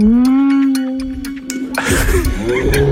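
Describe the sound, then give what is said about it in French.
A whale call: a low, steady, drawn-out moan with a rich tonal quality lasting nearly two seconds, followed by a burst of loud, rushing noise and murmuring sounds. “En Islande, la chasse à la baleine, puisque c'est une baleine qu'on vient d'entendre, la chasse à la baleine est toujours légale.”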